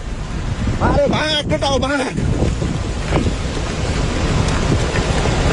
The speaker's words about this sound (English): Sky News has shared video showing just how quickly the water rushed in from surrounding mountain slopes, with workers running in terror.